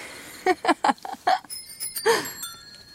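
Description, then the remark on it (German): The bicycle bells of three different cyclists ring at the same time on a street, starting with a quick burst of short dings and then overlapping into sustained, shimmering tones that slowly fade; one bell has a darker tone. “Auf jener Straße klingeln gleichzeitig 3 verschiedene Radler.”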